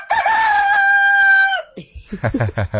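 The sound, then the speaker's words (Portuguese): A person's voice imitates a rooster crowing: one loud, drawn-out cock-a-doodle-doo lasting over a second, followed by a few quick bursts of someone talking. “tá imitando o senhor, imitando o galo.”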